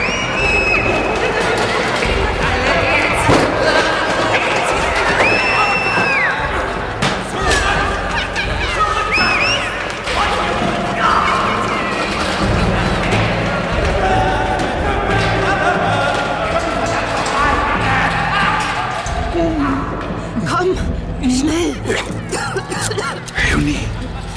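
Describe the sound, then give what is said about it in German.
Hurried footsteps of people running through corridors and doors being flung open and banging shut mix with frantic shouting from a crowd, a continuous, loud commotion with sharp slams breaking through at irregular moments. “In den Gängen rannten Menschen herum. Türen wurden aufgerissen und zugeschlagen. Man schrie.”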